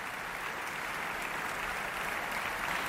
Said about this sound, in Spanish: Ludovic Morlot agradece los aplausos saludando desde el podio.